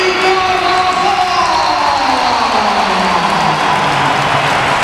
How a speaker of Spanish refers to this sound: Espera, que hay un momento. Entra Bellingham. Y ahora va la ovación para Carvajal.